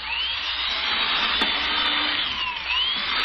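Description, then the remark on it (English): A power drill whirs steadily as it bores holes through a wooden board, a loud, continuous mechanical whine with slight pitch shifts as the bit cuts in, without any talking. “Look at it drill holes through this board. It drills too fast.”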